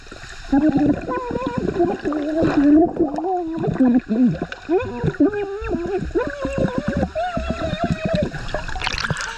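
A person sings underwater, recorded with an underwater microphone (hydrophone); their wavering, muffled melody rises and falls continuously amid gurgling, bubbling water; fairly loud throughout.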